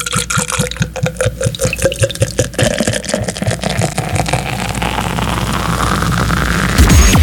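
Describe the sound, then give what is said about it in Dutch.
Water glugs out in quick rhythmic pulses, then settles into a steady pour that rises in pitch as a container fills, fairly loud with no talking, during a drinking break at 35 degrees. “Dan krijg ik officieel een extra drinkpauze van mijn baas.”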